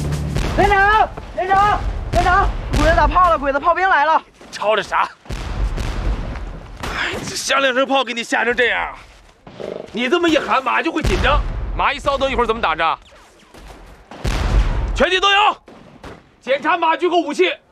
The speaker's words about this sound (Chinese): 连长，连长，连长， 鬼子打炮了，鬼子炮兵来了。